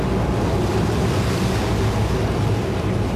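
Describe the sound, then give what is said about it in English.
A steady, loud wash of waves and wind against a boat on the ferry crossing to Rottnest Island from Perth, with a low engine rumble underneath and no voices, constant throughout. “Sounds like the ferry to Rotto.”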